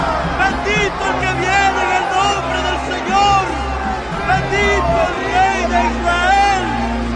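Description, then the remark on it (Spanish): A large crowd carrying palm branches goes out to welcome Jesus on his way to Jerusalem, shouting "Hosanna!" together. Many overlapping voices rise and fall in excited calls over a steady low rumble, loud and continuous throughout. “Tomaron ramas de palma y salieron a recibirlo, gritando a voz en cuello: ¡Hosanna!”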